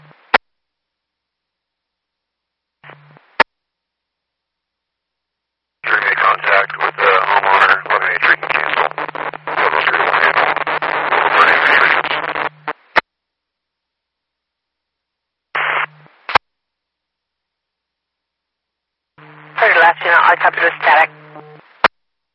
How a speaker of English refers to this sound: Static.